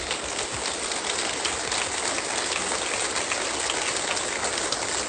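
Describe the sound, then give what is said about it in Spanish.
An audience applauds loudly and steadily, a dense crackling wash of many hands clapping that holds at an even level for about five seconds, with no voices heard. “Así que ese servicio, suelte fuerte ese aplauso.”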